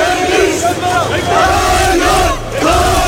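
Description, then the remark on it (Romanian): A large crowd of protesters demanding wage increases, social protection measures and a return to collective labour agreements shouts and chants together, a loud, continuous roar of many voices with rising and falling pitched calls, dipping briefly before surging again. “Protestatarii au cerut majorări salariale, măsuri de protecție socială și revenirea la contracte colective de muncă.”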